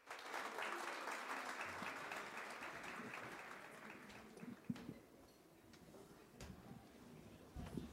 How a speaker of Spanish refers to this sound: vamos a presentar nuevamente a la Saya Tambor Mayor, pero esta vez nos van a presentar la Semba, que es una danza de la fertilidad. Espero que les guste y recibámoslos con un caluroso aplauso.